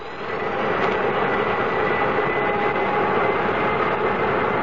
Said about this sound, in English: This is K-Flight 113 Transways, port K2 to ground control. Request permission to start engines. You have permission, Captain.